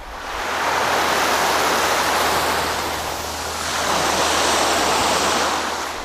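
Steady roar of ocean surf washing onto a shore, a broad hissing wash that swells and dips slightly midway before rising again, loud with no voices.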